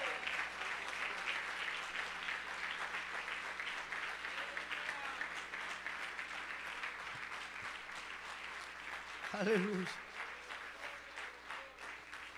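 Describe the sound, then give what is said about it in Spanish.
An audience applauds steadily to the glory of God, a dense, continuous clatter of many hands clapping throughout, with a brief voice rising over the clapping near the end. “No, no, no, ese aplauso, hermano, usted tiene que dárselo al Señor con toda el alma.”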